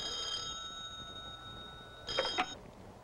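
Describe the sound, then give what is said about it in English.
An old telephone bell rings in a university professor's office with a steady metallic tone that lingers, then a brief clattering burst of ringing near the end. Moderately quiet, heard alone with no voices. “Will you answer your phone, you big clown?”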